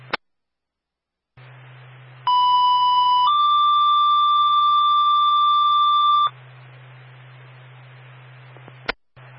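A two-tone fire dispatch paging alert for Springfield Engine 3, en route to 11 Buena Vista for a fire alarm and CO alarm: a steady high tone for about a second, then a slightly higher tone held for three seconds, over radio hiss and hum framed by squelch clicks.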